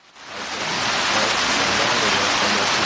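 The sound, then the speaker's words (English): Steady rain falling outdoors in Jackson Hole, a dense, even hiss that swells in within the first half second and then holds constant and fairly loud, with no voices. “Joining us now on the set here in rainy Jackson Hole”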